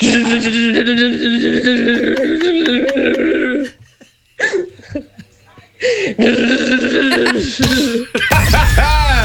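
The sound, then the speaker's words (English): A voice imitates a jackhammer with a loud, rapid, rattling buzz held for several seconds. Brief breathy bursts follow, then a second shorter stretch of the juddering vocal drill sound. “my jackhammer would be.”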